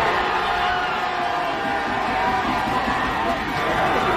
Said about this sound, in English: And Knicks fans cheering their team on the sidewalks of New York.